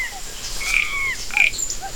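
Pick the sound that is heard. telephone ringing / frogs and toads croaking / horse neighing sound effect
frogs and toads croaking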